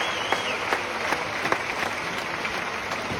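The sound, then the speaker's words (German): Steady applause from an audience, a dense wash of many hands clapping at an even level, with a few sharper individual claps standing out. No one speaks over it. “Liebes Publikum, herzlichen Dank für einen wunderbaren Applaus.”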